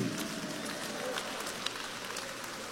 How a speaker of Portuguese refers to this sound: Vocês que estão com as mãos desocupadas, vamos aplaudir o Senhor com palmas. Vamos dar glória a Deus. Vamos lá. Um, dois, três e já. Vamos lá, remidos do Senhor com palmas e glória mais forte. Mais alegre. Mais contente.